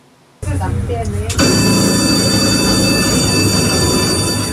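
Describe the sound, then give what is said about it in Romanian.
A tram that cannot move forward because its line is blocked rumbles loudly, then a steady, piercing metallic whine of wheels or motor rises and holds for several seconds over a dense mechanical roar, with faint voices underneath. “O femeie a mers de la o mașină la alta și a vorbit cu șoferii după ce tramvaiul în care ea era n-a mai putut să înainteze din cauza că linia era blocată.”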